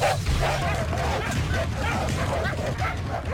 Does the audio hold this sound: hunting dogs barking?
yes